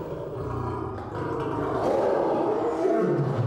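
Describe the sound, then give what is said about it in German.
Several lions roar and growl in agitation as a veterinarian and keeper come with a syringe case for their yearly vaccination, a loud, continuous chorus of deep rumbling snarls that swells slightly toward the end, with no voices over it. “Das bringt die Löwen mächtig in Wallung.”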